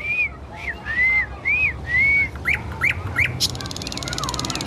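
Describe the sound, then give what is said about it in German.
A nightingale in the city sings a series of clear, rising whistled notes, then quick sharp chirps and a rapid buzzing trill, fairly loud against a low background hum. “das guckt sie sich von anderen Nachtigallen ab”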